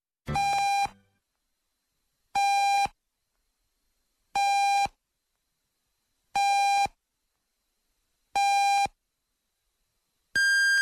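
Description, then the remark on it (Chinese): Six evenly spaced electronic radio time-signal beeps about two seconds apart, each a steady half-second tone; the final beep is noticeably higher in pitch, marking 8 o'clock Beijing time. No talking. “现在是北京时间8点整。”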